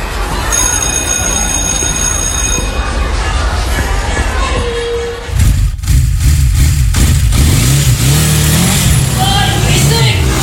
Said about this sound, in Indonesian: Kalian pernah ngalamin hal kayak gitu kan? Selain suara yang bikin kuping sakit, polusi akibat knalpot juga bisa berdampak bagi kesehatan kamu.